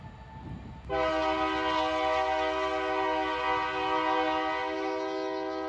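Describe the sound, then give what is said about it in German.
The Crescent passenger train rumbles through the town of York, Alabama, USA, then its horn blasts in a loud, steady, chord-like tone that holds for several seconds without a break. No one speaks. “Hier im Örtchen York in Alabama hat unser Crescent freie Fahrt. Da muss der Güterzug mal warten.”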